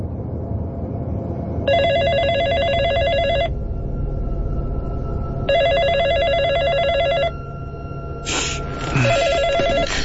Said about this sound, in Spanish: Cerca de las 3 de la mañana, recibí una llamada a mi celular que me despertó.